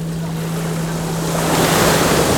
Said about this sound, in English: Listening as the tide comes in, each time reaching out, pulling sand from beneath our feet to reveal rounded pebbles.